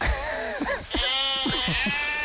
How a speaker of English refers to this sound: Is that a goat or sheep? Yeah, it's sheep.